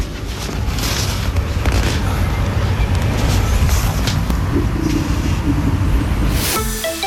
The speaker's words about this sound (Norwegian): Men det var et forsøk på å fange opp sånn uling av vind som blåste ganske kraftig utenfor vinduet mitt i går.